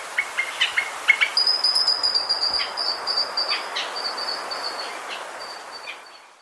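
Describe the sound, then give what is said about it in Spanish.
A mountain grackle (changó de montaña), in a recording from the Colombian Bird Sound Bank of the Humboldt Institute and Cornell University, sings a run of quick, repeated whistled notes that give way to a sustained, high metallic trill, heard alone against a steady wash of outdoor background noise. “El trino del changó de montaña forma parte del Banco de Sonidos de Aves Colombianas, recopilado por el Instituto von Humboldt y la Universidad de Cornell.”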